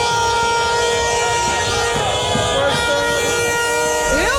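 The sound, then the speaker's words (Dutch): Many car horns honk and blare continuously, long overlapping tones over a dense, loud street din with shouting voices, as Moroccan Dutch people in the Netherlands celebrate Morocco's penalty-shootout win in a tournament; the honking rises and slides near the end. “Wij gaan gillen en zij gaan toeteren.”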